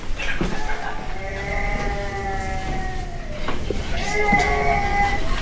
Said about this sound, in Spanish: Vamos a ver si los monitores. Sí, está llorando, efectivamente. Se ha despertado.